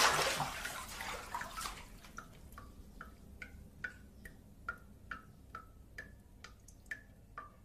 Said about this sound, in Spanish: Mientras el grifo enfocado en primer plano gotea incesantemente, el hombre se sienta.